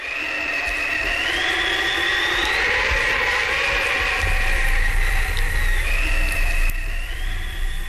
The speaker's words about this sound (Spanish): ¿Por qué ese ruido de nieve y viento, abuela? Son las abejas blancas haciendo su nido.